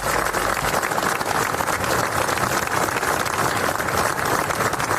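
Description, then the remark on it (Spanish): A large crowd applauds steadily at a memorial act led by Generalitat president Salvador Illa, a long applause in memory of the boys who died. A dense, unbroken wash of clapping holds at an even, fairly loud level for the whole stretch, with no voices rising above it. “El acto, encabezado por el presidente de la Generalitat, Salvador Illa, ha concluido con un largo aplauso en recuerdo de los chicos.”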